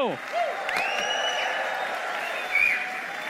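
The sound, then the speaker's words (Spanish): A church audience applauds steadily throughout to welcome their pastor, a dense even wash of clapping, with high whoops and whistle-like cheers rising above it at moments. “con un aplauso al Señor por su vida”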